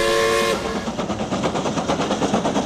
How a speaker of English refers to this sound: Steam's up. We're ready for time travel. Well, let's go. Isle of Man steam train time machine is go. All aboard Isle of Man Railway's time train.